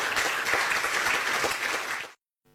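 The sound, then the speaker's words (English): A standing audience applauds for FIFA president Gianni Infantino, many hands clapping in a dense, crackling wash for about two seconds before it cuts off abruptly into silence. “I want you to stand up and we clap hands for Gianni.”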